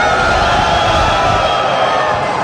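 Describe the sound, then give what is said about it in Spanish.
A crowd of men in the audience at a CDJ Jóvenes youth gathering yells together on cue in one loud, sustained roar that fills the space evenly, cheering and whooping without a break for a couple of seconds. “A ver, un grito a los hombres. Una, dos, tres.”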